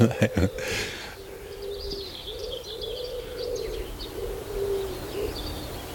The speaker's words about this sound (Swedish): Ja, de får jobba lite för att överrösta duvan.